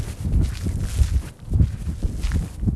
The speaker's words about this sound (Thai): มองผิวเผินเหมือนหาดทรายธรรมดาแต่ว่าถ้าลงมาเดินแล้วเนี่ยก็จะรู้ว่ามีสิ่งที่แตกต่างความรู้สึกสัมผัสที่เท้าเนี่ยเราจะได้ยินเสียงเลยกรอบแกรบกรอบแกรบ